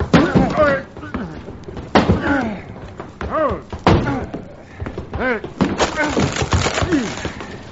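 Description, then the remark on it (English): Heavy thuds and cracking bangs as a locked closet door, with someone banging on it from inside, is forced open, with repeated strained impacts and splintering wood, while voices strain and call out. “They must have locked somebody in this closet. Here, give me a hand.”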